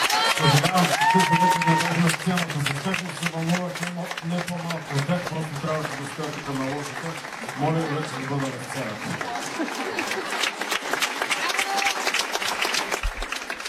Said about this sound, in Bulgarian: аплодисменти за него